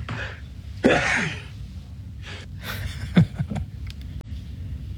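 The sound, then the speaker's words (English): A quadruple sneeze: a loud, sharp first burst followed by a quicker run of three more breathy sneezes, with a steady low rumble underneath and no talking. “That's a quadruple sneeze there, Father.”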